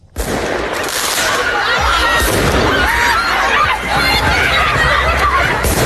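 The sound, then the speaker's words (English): Fireworks crackle and bang repeatedly as hundreds of students run down a street in Paris, France, during student-led protests, with shouting voices and constant loud commotion throughout. “The sound of fireworks being let off and hundreds of students running down the street in Paris.”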